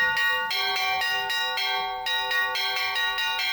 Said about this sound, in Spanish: Si había alguien que se estuviera quedando dormido ahora, ya está claro imposible. Que imposible, están sonando las campanas.